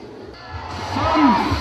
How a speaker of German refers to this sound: Hunderte von Zuschauern hatten sich am Rande des Geschehens versammelt, um diesem Spektakel beizuwohnen.